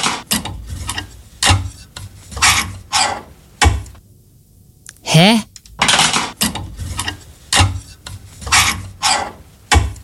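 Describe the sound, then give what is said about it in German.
Empty clothes hangers are slid back and forth along a wardrobe rail, making about a dozen rhythmic scraping strokes, with a brief spoken interjection midway through. “Ach, ziehst du den Bügel hin und her? Ja, ich habe am Wochenende T-Shirts aussortiert und habe dann die Bügel leer wieder auf die Stange”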